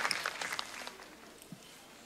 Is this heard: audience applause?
yes